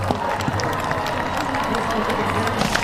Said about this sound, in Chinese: 现场观众啊非常热情，也非常喜欢马术运动，时不时的在给选手和参赛马掌声鼓励。但是这种掌声鼓励呢对选手是鼓舞，有的时候也会吓到马，所以这是比赛当中都会出现的变数，这个就非常考验这对人马组合他们的参赛经验了。